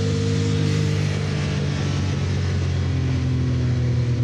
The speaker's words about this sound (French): Ah, par contre, le turbo, on l'entend bien, hein. C'est pas le turbo, hein. C'est les deux turbos. Il faut savoir que cette 962C est équipée d'un moteur 6 cylindres, 2 litres 8, biturbo.